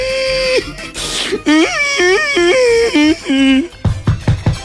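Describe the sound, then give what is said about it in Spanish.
A voice imitates a little boy arriving home crying, in a series of loud, wailing, sobbing bursts with rising and falling pitch, followed by a few short, choppy gasping sobs. “Imagínate pues que llega el peladito llorando a la casa.”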